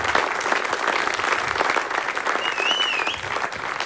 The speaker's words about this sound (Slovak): Ďakujeme veľmi pekne. Ten potlesk vám zaslúžene patrí.